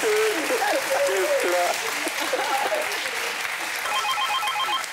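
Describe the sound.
Steady, loud applause fills the whole clip, a dense wash of clapping with voices mixed in, and a bright repeating electronic jingle chimes in toward the end.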